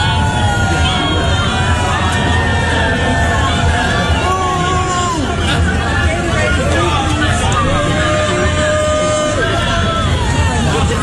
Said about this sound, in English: you are getting booed at the Pride Parade